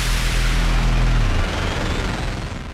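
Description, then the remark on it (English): A loud, dense burst of explosions with a deep rumble that fades after about a second, leaving a sustained crackling roar, like fireworks going off. No one is speaking. “Looking for fireworks the kids will love?”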